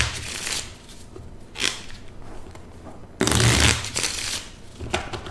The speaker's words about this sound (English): I guess I should take advantage of this opportunity to say hello to my parents and to thank my dad for teaching me how to shuffle a deck of cards.